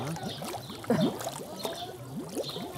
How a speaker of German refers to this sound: Was da blubbert, ist die von Algen verstopfte Wasserpumpe.